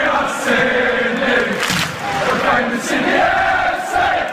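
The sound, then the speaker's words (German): A large football stadium crowd of nearly 25,000 spectators at a derby in Sydney, Australia, chants and roars together, a dense, loud wall of voices that swells and holds steady throughout, with no single speaker standing out. “Wir hatten ja auch jetzt das Derby hier in Sydney, wo ich glaube fast 25.000 Zuschauer da waren.”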